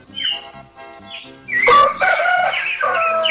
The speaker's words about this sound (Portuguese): o galo da Solange lá chamou você pro racha